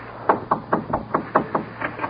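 A steady run of about nine firm, evenly spaced knocks on a door, knocking again after no one answered, with no voices in between.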